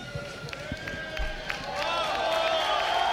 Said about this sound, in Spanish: Qué ovación, ¿eh? Ovación para Raico, aquí en la plaza.